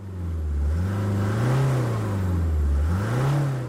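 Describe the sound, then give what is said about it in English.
A loud black SUV engine revs up as the driver steps on the accelerator, driving through pouring rain, its droning pitch climbing, dipping, then surging again in a steady, continuous roar with no voices. “stepped on the accelerator, feeling severe thirst.”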